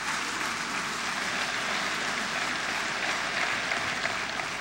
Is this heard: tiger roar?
no